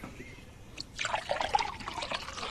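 Water is poured steadily into a cup or vessel for a guest, starting after a brief quiet moment and continuing as a bubbling trickle until the end, with no one speaking.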